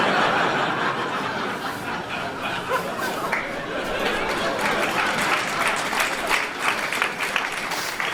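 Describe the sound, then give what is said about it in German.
An audience claps steadily throughout, a dense, sustained wash of applause with some scattered laughter and chatter mixed in. “Alle, die klatschen, haben das auch schon mal erlebt.”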